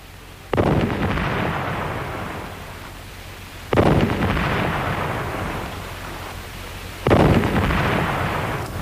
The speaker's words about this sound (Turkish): Gökte top sesleri bir bir nerelerden geliyor? Mutlaka her biri bir başka zaferden geliyor. Kosova'dan, Libolu'dan, Varna'dan, İstanbul'dan.